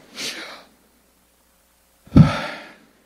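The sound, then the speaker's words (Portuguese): A breathy inhale is followed by a pause and then a stronger, airy exhale, the two breaths shaped like a whispered word with no voiced vowels, voicing the Hebrew name of God, Yahweh, without vowels, as breathing. “É a respiração.”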